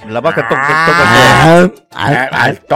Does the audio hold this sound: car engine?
no